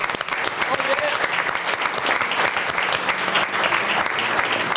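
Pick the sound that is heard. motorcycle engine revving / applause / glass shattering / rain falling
applause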